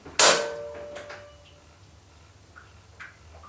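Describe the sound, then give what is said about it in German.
A heavy door, blocked by a caretaker lying in front of the exit, is shoved open a crack with great effort, giving a loud, sharp clunk that rings briefly, followed by a few faint creaks and small knocks as it moves. No voices. “Heike drückte sich mit aller Kraft gegen die Tür und öffnete sie einen Spalt.”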